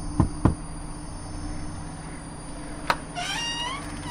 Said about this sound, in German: Ich werde mal klopfen.